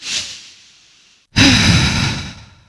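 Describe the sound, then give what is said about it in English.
A deep breath: a soft airy inhale that fades, a brief pause, then a louder, fuller sighing exhale lasting over a second. No one speaks. “In fact, let's just take one of those big, deep breaths right now.”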